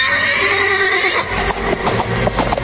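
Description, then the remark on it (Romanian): A horse lets out a loud, high, wavering whinny that lasts over a second, then gives way to a run of quick, uneven thuds like hoofbeats. “Domniță, caii mei au suflet de vânt.”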